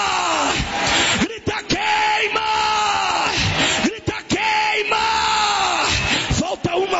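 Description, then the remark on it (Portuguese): A crowd of people at a religious gathering shouts the Portuguese word "queima" ("burn") together over and over, loud and forceful, in a steady repeating rhythm of drawn-out cries with brief breaks between them. “o diabo não resiste, a revelação de Deus, grita queima!”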